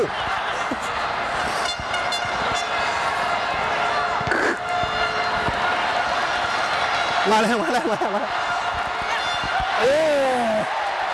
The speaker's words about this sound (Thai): คือตอนนี้นะได้ยินเสียงดังมากเลยครับคือเสียงเชียร์จากข้างนอกนะฮะ